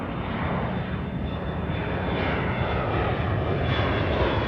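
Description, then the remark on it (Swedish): A steady, droning airplane engine on a 2015 flight from New York hums throughout, a dense low-to-mid roar with a faint high whine on top, holding an even level with no pauses. “Det är 2015 när den nu 60-årige sydafrikanen Derek Yach kliver på ett flyg från New York.”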